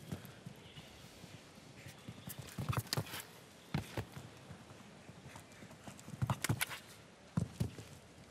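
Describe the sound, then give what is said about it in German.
Horse hooves clip-clop in scattered clusters of sharp thuds, a few quick beats at a time with short pauses between, over a steady low background hiss. “auch wie das Pferd durch den Körper hindurch noch einmal drückt”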